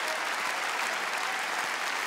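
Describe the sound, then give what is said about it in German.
Sustained applause and a standing ovation from an audience at Circus Krone in Munich, a dense steady wash of many hands clapping at even loudness throughout, with no voices standing out. “Einen ganz großen Applaus an dich”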